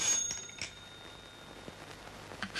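A faint telephone ring, a thin, high bell-like tone held across the moment, with a few soft clicks and taps scattered around it and no voices.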